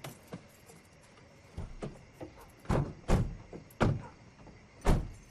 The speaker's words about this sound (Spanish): los faros del auto iluminan la vieja camioneta frente a la casa de los Rossi. El auto se detiene y la familia se baja.